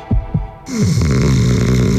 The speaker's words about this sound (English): Is his snoring getting boring?